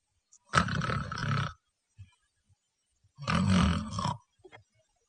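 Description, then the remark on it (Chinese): A voice imitates light snoring, slight nasal breathing rather than heavy snoring: two drawn-out, rasping snore sounds about a second each, separated by a short pause with faint breathy noises between them. No words are spoken. “灯倒下之后，没用多大会儿的功夫，就发出了轻微的鼻息之声，有点小呼噜。这呼噜不是重量级的，次轻量级。”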